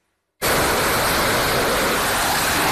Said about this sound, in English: One fighter jet after another takes off from the USS Abraham Lincoln. Overnight missions amid rising tensions with Iran. We're in the Gulf of Oman, near the Strait of Hormuz